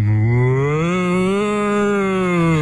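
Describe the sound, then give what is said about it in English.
A single long, loud moo held for a couple of seconds, a person dressed as a cow imitating a cow in a mooing contest on the radio, with a low, steady tone that swells slightly in the middle before fading. “And you got to remember, they weren't just mooing; they were dressed up as cows as well.”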